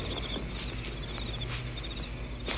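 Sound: crickets chirping at night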